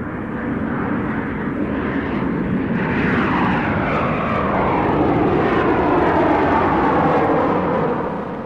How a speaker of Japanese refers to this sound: 飛行機の音なのだ。